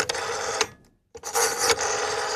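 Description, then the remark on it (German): A rotary telephone dial whirs back in two bursts of raspy, clicking mechanical noise, split by a brief silence, fairly loud with no voices. “Das Telefon mit Wählscheibe.”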